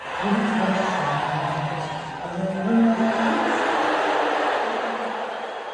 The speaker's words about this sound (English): Now, he said later he thought that was mostly cheers, but you were there. I was not. How did you hear it? It was definitely boos. And I mean, this is a sporting arena, right? So you know what cheers sound like because the crowd is cheering when